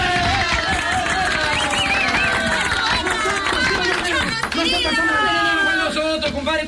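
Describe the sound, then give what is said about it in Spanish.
Audience applause mixed with loud cheering and shouting voices, a dense, steady roar of clapping and crowd noise that carries through the whole clip without a break. “¡Aplauso, pacay!”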